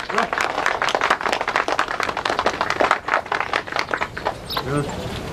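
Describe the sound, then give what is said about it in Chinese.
A group claps together in a dense, steady burst of applause lasting several seconds, fairly loud, as a speaker is invited to begin, before it fades and a voice briefly begins speaking at the end. “来，讲吧，大家鼓掌。”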